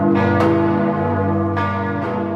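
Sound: cathedral church bells ringing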